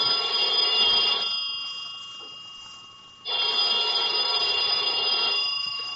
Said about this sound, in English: About noontime, when the phone rang, I knew it was the clerk downstairs calling because I'd left a call for 12. I let the phone ring.